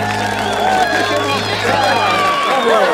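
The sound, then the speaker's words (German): An audience applauds amid a loud, dense crowd of cheering and chattering voices at a Christmas ice-skating event in a castle courtyard, with a steady roar that holds for the full three seconds and a low hum underneath at first. “Was für ein Applaus.”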